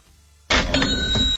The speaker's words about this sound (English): Can you hit the cash register on that one?